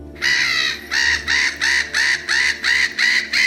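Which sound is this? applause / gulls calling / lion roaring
gulls calling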